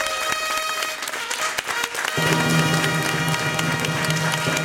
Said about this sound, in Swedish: En stor applåd till P3. Så bra.